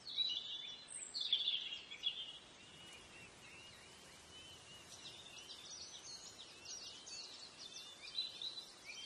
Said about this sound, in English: But when you're here, you feel this peace from the wind blowing through the trees, from the shadows of the leaves dancing on the ground, from the sound of the birds chirping.